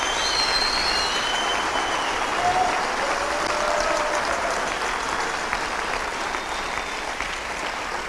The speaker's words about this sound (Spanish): Un aplauso fuerte a Jesús.